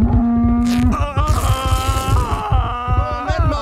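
A cow moos loudly, a long drawn-out bellow with a groaning, wavering tone, layered over low rhythmic thumping in the background.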